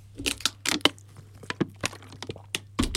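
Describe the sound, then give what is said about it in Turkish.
A plastic water bottle is bitten by a commentator during a Turkey–Paraguay football match, giving a run of sharp, irregular crackles and crunches, about a dozen bright snaps over a faint steady low hum, with no one talking. “Ya önümde su şişesi var. Sinirden vallahi onu ısırdım az önce.”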